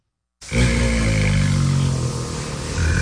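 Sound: bengal tiger cubs growling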